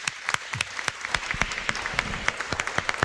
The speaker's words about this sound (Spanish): Les vamos a dar un aplauso a esta pequeñita.